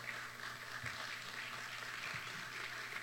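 Steady audience applause for the music ensemble, fills the whole stretch, a dense continuous patter of many hands clapping, fairly quiet, with no one speaking over it.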